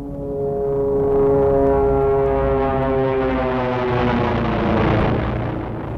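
An airplane flying low over a forest: a loud, steady engine drone with a deep, buzzing hum holds for several seconds, its pitch shifting slightly as it passes overhead. No voices.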